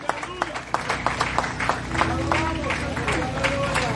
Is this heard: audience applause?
yes